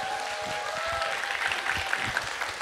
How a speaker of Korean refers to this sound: 박수 한번 부탁드릴게요.